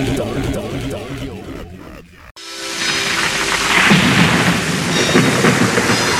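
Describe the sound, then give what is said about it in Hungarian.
After a brief stretch of other sound, a sudden cut opens onto a loud, steady downpour of rain with a deep rolling rumble of thunder underneath, continuous. “És egy picit a ma reggeli esős hangulatot megidézve, ugyanis országszerte esőre ébredhettünk”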